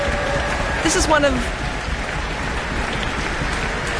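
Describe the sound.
An audience in the town hall and the orchestra give steady, dense applause as Karl-Heinz Steffens returns to the stage, holding at an even level for about four seconds, with a brief voice rising over the clapping near the start.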